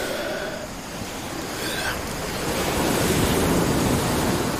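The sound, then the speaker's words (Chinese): Sea waves on a beach at night where sea turtles come ashore to nest: a steady, broad hiss of surf that swells louder in the second half as a wave rolls in and washes over the sand, with no voices. “在海浪声的遮掩下，这种声音难以被人类察觉，但美洲豹的听觉非常灵敏，能够辨认出细微的声响。”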